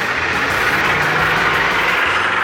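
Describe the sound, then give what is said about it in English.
A heavy tractor engine drones steadily, a loud, constant low rumble with a broad roaring hiss on top, running without a break and with no voices. “Featuring eight classes of tractors.”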